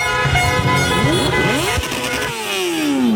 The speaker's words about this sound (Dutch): Maar meteen na het eindsignaal komen overal mensen naar beneden de straat op. En begint het gigantische toeterconcert in Amsterdam-West.